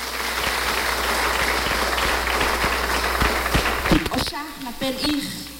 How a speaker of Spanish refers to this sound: Aplausos a nuestro Rey en esta noche.